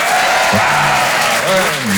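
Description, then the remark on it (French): Loud, sustained applause from the audience at the Rire et Chanson Comedy Club, a dense steady wash of clapping throughout, with a voice briefly speaking over it partway through. “Bonsoir, applaudissements, vous allez bien?”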